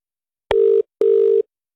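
Two steady electronic ring tones from a phone line, each a short sustained beep with a sharp click at the start, separated by a brief gap, heard clearly with no talking.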